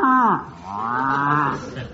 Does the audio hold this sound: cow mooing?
yes